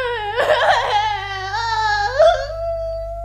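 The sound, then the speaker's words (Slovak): A child cries in a single drawn-out wail, fairly loud, with a sobbing, wavering start that settles into a steady high-pitched whine. “Princeznú Sidóniu, ktorá stále plače.”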